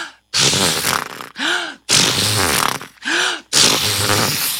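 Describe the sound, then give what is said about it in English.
Seahorses neighing: four loud, raspy whinnying bursts in quick succession, each with a rough, breathy tone and a pitch that arcs up and back down, separated by short gaps. “Just then, they heard the neighing of seahorses.”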